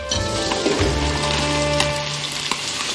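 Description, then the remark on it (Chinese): Steady, dense sizzling of chicken in hot oil in a wok during its second frying, for popcorn chili chicken, continues throughout, with a few brief clinks and a soft low rumble as the chicken shifts and is poured out. “好了，那接下来咱就把它倒出。”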